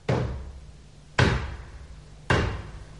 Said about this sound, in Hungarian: Kopognak, menj!